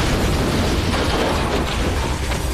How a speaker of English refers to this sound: A Soviet surface-to-air missile had struck. The plane disintegrated, sending Powers into a violent spin toward the Earth.